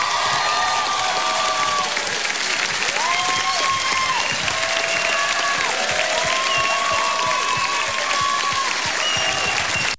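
Loud, sustained audience applause at an MTV Unplugged concert, welcoming a guest singer, fills the whole stretch, a dense wash of clapping with whoops and high cheers rising over it throughout.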